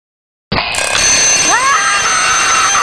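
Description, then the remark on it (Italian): An alarm clock bell starts abruptly after a short silence and rings continuously, loud and shrill with a dense metallic clatter. A brief gliding vocal sound, like a groan, rises over it partway through. “Il mattino non puntare la sveglia.”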